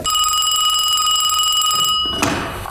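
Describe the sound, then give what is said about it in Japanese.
A telephone rings loudly and steadily for about two seconds with a bright, bell-like tone, then cuts off, followed by a brief clatter as if the receiver is picked up; the call is from the regional coast guard commander. “所轄海保司令官から電話です。”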